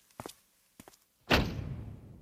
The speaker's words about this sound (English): close that door, girl.